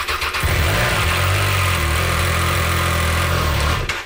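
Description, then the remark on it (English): A motorcycle engine catches and settles into a steady, loud idle, its low rumbling drone held continuous for a few seconds with no voices. “Why don't you fire it up?”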